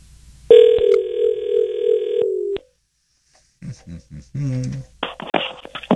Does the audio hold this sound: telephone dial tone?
yes